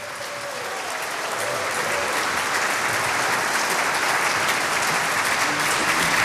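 Sustained audience applause fills the space, a dense, steady wash of many hands clapping at a fairly loud level throughout, with no voices standing out; applause at the 90th anniversary celebration of the Mariehamnskvartetten, a male choir on Åland.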